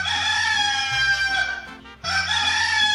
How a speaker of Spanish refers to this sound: Así que ahí está ese gallo, está cantando para que usted se despierte y ya tome esa iniciativa de levantarse.